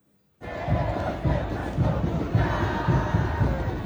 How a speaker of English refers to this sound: World Cup fans from Argentina, France, and Algeria were trying to out-cheer each other in a friendly competition in Times Square.